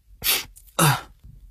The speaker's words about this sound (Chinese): 打了一个喷嚏，揉了揉自己的鼻子。